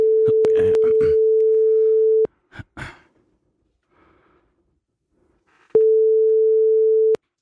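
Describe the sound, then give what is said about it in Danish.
Steady ringback tone of an outgoing phone call: a long, loud burst, a pause filled with a couple of soft breaths and faint rustling, then a second identical burst. “Så ringer vi.”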